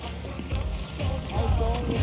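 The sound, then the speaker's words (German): A kayak pushes through choppy, shallow water about 2 meters deep and meets a large wave, with a steady wash of waves and wind rumble and faint voices in the background. “Oh yeah, nicht surfen, nur mit dem Kajak.”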